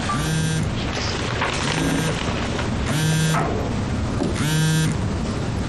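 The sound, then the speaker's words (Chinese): A mobile phone rings loudly, a buzzy electronic ringtone repeating in four even bursts about a second apart, with no one talking. “我接个电话。”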